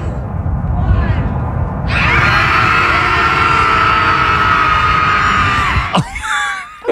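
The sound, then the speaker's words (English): After a short stretch of voices counting down, a group bursts into a loud, sustained high-pitched scream lasting about four seconds, ending with a sharp crack and a few rising yells. “No, this is them screaming. They even do a little countdown.”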